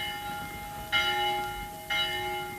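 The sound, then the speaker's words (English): A large town hall bell, its rope pulled by blind Captain Cat on a spring morning, rings out in two strokes about a second apart, each clang leaving a long, humming resonance that hangs in the air between strikes. No one speaks. “Who pulls the town hall bell rope but blind Captain Cat?”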